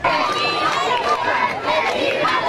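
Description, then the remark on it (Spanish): A large crowd of tourists and faithful cheers and applauds continuously for Pope Leo XIV as he passes standing in the Popemobile along the main facade of the Royal Palace in Spain, a dense wash of shouts, whistles and clapping at steady loudness, with many voices overlapping throughout. “Así de momento, gritos de alegría, aplausos, vítores a León XIV, que ha recorrido todo el frontal de la fachada principal de este Palacio Real en el Papamóvil, de pie, saludando a todo el público”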